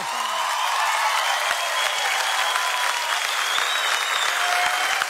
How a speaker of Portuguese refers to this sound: Uma salva de palmas para esse grande nome